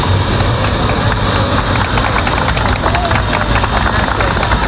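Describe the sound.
A crowd gathered at the doors of the Hospital Gómez Ulla in Madrid claps steadily and densely as 14 Spanish evacuees from the Ondius arrive, the applause holding at a constant level over the low rumble of an idling vehicle engine, with indistinct voices mixed in.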